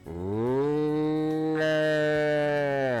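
A single long, loud cow moo, rising briefly at the start and then holding a steady, drawn-out bellow for about three seconds with no voices present.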